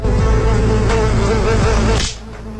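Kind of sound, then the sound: insect, housefly buzzing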